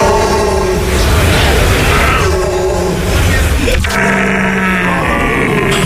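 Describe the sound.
A human voice imitates a rutting stag, as a contender for Stag of the Year in Germany, letting out loud, strained, throaty groans and wailing roars that run almost without pause, with a brief break partway through before a lower bellow.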